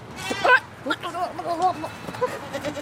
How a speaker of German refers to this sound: Neben den Schafen stehen die Ziegen. Schwarz-weiß oder braun, mit langen gebogenen Hörnern. Auch einige kleine, Gizzi, wie sie in der Schweiz genannt werden.